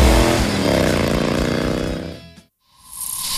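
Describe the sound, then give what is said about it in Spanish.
A loud, buzzing motorcycle alarm sound effect in a radio advert for the Chilean motorcycle dealer Moto Trainer blares for about two seconds with a slightly dropping pitch, cuts to silence, then a fainter tone returns at the end. “Alarma de moto.”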